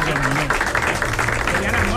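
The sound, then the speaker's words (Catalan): A steady wash of audience applause, many hands clapping together, with a faint murmur of voices mixed in underneath. “Bueno, escolta'm, aprofitem aquest aplaudiment per donar la benvinguda”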